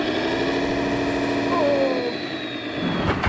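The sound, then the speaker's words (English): A four-wheel-drive vehicle's engine roars at high revs, a loud, steady, strained drone with a whining pitch that holds throughout, continuous, with no pauses. “Got too many revs.”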